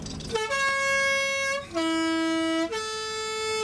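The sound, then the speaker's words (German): The three-tone post bus horn of a mountain post route plays its special melodic call, three sustained, bright notes in sequence, loud, with a brief gap before the low middle note and no voices. “Und die Bergpost hat das Postautohorn.”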